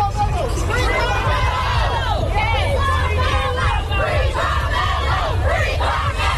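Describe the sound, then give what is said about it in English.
A large crowd outside a North Texas courthouse yelling and shouting after the verdict in the Carmelo Anthony murder trial, loud and continuous, with many overlapping voices rising and falling in a dense, agitated roar over a low rumble. “Crowds that gathered outside a North Texas courthouse after a verdict in the Carmelo Anthony murder trial reacted.”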